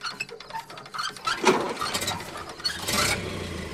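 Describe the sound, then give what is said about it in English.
Rapid rattling clicks of an old car engine being cranked by hand, with sputtering bursts that catch into a low, steady idling rumble at the end. No one speaks. “I'll crank it for you, but you'll have to drive it.”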